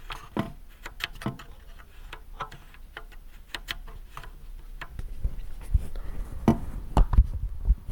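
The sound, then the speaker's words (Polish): The three faders of a mixer, which have a clearly felt centre position, slide back and forth, giving a series of short plastic clicks and scrapes, sparse at first and then denser and a little louder with a low rumbling friction. No one speaks. “A suwaki taki.”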